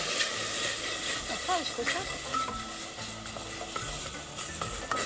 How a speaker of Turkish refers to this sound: Şimdi sen karıştır. Tavuk suyu bunu süzdük biz. Butları haşladık. Butların suyu bu. Evet. Evet. Tavuk butlarının suyu bu. Süzdük güzelce. Yoksa bunun içine süzerdim ben. Bunu tamam. Süzülmüş yağıyla karıştır.